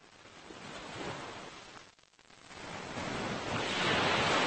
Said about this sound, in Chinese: 对游泳者来说，海浪与礁石碰撞的地方是最危险的水域，而对加州海狮来说，这却是他们的自由王国。